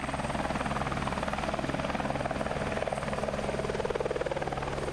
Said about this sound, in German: Ein besonderes Highlight waren die Rundflüge mit dem Hubschrauber.